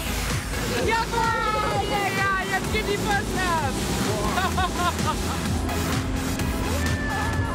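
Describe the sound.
A fast ride over waves on a seal-watching tour boat that holds 12 people plus a dog: loud, steady engine rumble and rushing water with wind buffeting the microphone, while excited voices call out and shriek over the noise.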